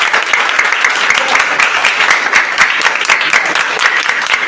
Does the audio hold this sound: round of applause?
yes